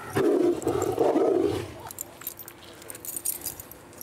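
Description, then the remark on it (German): A tiger named Sascha at feeding time, claiming his food first, lets out a deep, rasping roar, loud for about a second and a half, then fades into scattered metallic clinks and rustling noise. “Und dann musste Sascha jetzt einmal kurz sagen, hey, ich bin der Erste, der sein Essen rausholt.”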